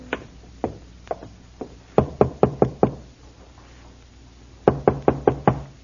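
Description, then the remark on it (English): Knocking on a wooden farmhouse door in the evening in sharp bursts: a few scattered raps, then a quick run of five, a pause, and another run of five. Fairly loud, with no voices. “It took a few moments to rouse anyone, but finally the door opened and there stood a woman.”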